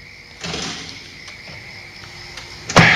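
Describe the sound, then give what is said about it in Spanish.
A door is pulled closed: a brief scraping swing, a quiet pause, then a single solid thump as it shuts. No one speaks. “Calla, cierra la puerta.”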